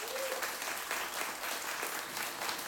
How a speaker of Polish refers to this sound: wielkie brawa.